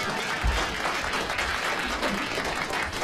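Sustained applause from an audience, a dense, steady wash of many hands clapping at once that fills the whole stretch at an even, fairly loud level, congratulating a groom on his wedding.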